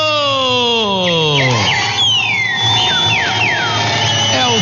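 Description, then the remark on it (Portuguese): Clear, loud whistled phrases of a trinca-ferro (green-winged saltator) song: bright rising and falling notes repeating over a few seconds, preceded by a long descending glide. “É o Trinca-Ferro, passarinho de hoje.”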